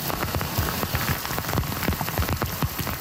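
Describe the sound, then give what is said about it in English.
Heavy, unrelenting rain pours down steadily in Montreal's West Island, up to 170 millimeters in a few hours, turning roads into flowing rivers; a dense hiss of countless drops with sharper splats hitting a surface, continuous and loud throughout with no voices. “In Montreal's West Island, an unrelenting downpour quickly turned roads into flowing rivers.”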